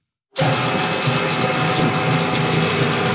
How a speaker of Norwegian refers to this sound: En mellomstor kjøkkenmaskin står og surrer og går i et lite produksjonslokale. En hvitkledd kvinne heller opp i forskjellige ingredienser. Det kunne kanskje vært et bakeri, men det som lages her er kosmetikk som brukes i lokale spa.